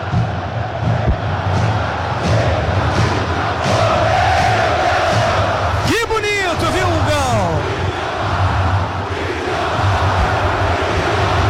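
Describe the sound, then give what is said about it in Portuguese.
A large stadium crowd of Cruzeiro supporters chants "Vidalba" together in a steady, loud roar, with a brief rising whistle cutting through midway before the massed voices carry on, at the Atlético versus Cruzeiro derby match. “Vidalba, Vidalba, Vidalba é o que canta a torcida do Cruzeiro.”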